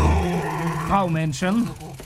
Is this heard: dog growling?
yes